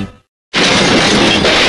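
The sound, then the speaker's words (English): A car crash: a sudden, loud crash bursts in after a brief silence, followed by a sustained, bright wash of shattering and breaking glass debris, continuous for over a second. “Your car's not feeling so good. Crunched bumper, smashed fender, banged up body.”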